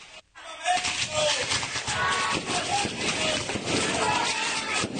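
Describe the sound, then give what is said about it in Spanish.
Fireworks crackle and pop in a dense, continuous stream of sharp bursts after a brief pause at the start, with crowd noise and voices mixed underneath, at a civic Grito de Independencia ceremony, the fireworks engulfing the mayor's stage. “Son los fuegos pirotécnicos que lo invadieron, el palco, todo.”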